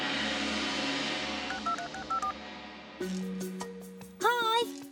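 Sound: telephone dialing tones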